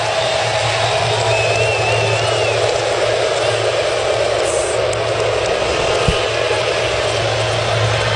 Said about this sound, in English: Oh, we've got what looks to be an Army plane going across the center field sky. We'll stop play for just a moment.